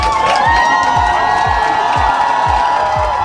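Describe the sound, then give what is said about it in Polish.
A large crowd of Polish fans roars and cheers continuously, welcoming the European champion volleyball team with chants of "100 lat" and "dziękujemy", voices merging into a dense, loud wall of sound with rhythmic thumps of drums or stomping pulsing roughly every half second beneath it. “Były głośne okrzyki 100 lat i gromkie dziękujemy.”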